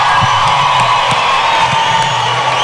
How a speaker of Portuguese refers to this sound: E em segundo lugar, por favor, o aplauso de vocês para esses caras que estão escrevendo essa história linda. E esses três, esse também, e esse ajudaram muito a mudar a minha vida. Por favor, o aplauso para eles.